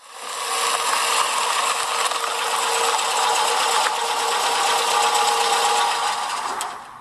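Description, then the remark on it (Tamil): A car engine drones steadily, a loud whirring mechanical hum with a faint rattle that swells up quickly, holds for several seconds, then tapers off as the car arrives at the entrance of a house. No one speaks. “என்னது வாசல்ல கார் சத்தம் கேக்குதே, இந்த நேரத்துல யாரு?”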